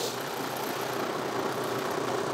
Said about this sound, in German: Bollert da der 6-Zylinder.